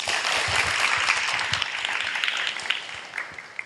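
A crowd breaks into sustained applause as a chairman is invited to speak, dense overlapping claps filling the space at a steady, fairly loud level for several seconds with no speech over it.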